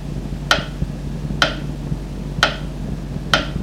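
A clock ticks steadily, four sharp, crisp clicks about a second apart, over a low, constant hum with no one talking.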